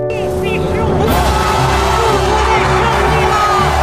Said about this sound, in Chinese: 观赛的礼堂里，比赛观众席上，都爆发出了雷鸣般的掌声和欢呼。